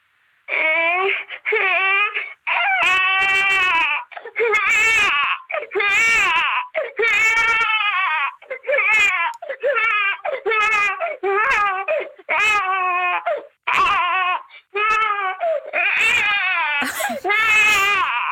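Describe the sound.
Someone mimics a baby's cry in a long series of wailing, pitched bursts, loud, rising and breaking off in irregular sobbing rhythm with brief gaps between cries.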